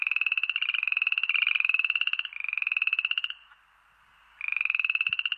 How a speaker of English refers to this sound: Yes, I am talking about amphibians, about frogs.